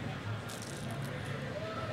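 Soft, wet chewing of food with sauce, with faint squishy mouth sounds and a few light smacks, fairly quiet over a low steady background hum, with no talking.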